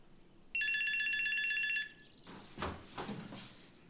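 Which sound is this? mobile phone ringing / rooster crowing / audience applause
mobile phone ringing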